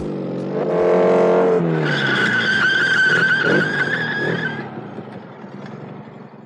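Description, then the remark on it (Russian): A motorcycle engine revs up loudly, then a long, high tire squeal as it brakes hard, fading into a low idle as it comes to a stop on arriving at Altkirch. “Мы и тогда тоже на мотоцикле ехали. И теперь под самый конец.”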